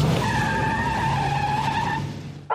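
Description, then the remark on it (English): A car speeds past a bus with a loud, sustained squeal of tires over a steady engine roar, lasting a couple of seconds before cutting off abruptly. No one speaks. “You know what? I'm just going to pass the bus up.”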